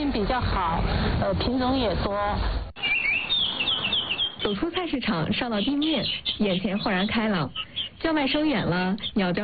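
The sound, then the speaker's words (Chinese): Birds chirp in short, high bursts in the park green space atop the Jilin farmers market in Huaxi, Guiyang, beneath a person talking steadily, the calls fairly faint and mostly masked by the voice, clearest for a moment early on. “走出菜市场，上到地面，眼前豁然开朗，叫卖声远了，鸟叫声近了，风吹树叶沙沙响。”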